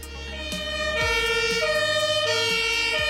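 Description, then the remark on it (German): A loud German emergency vehicle siren (Martinshorn) blares its two-tone call, switching back and forth between high and low pitches in a steady rhythm, with no voices, at the start of a forest fire drill in Kirch-Ehrenbach, Upper Franconia. “Und nicht erschrecken, wenn Sie jetzt das Martinshorn hören, dann kommt das aus dem Radio.”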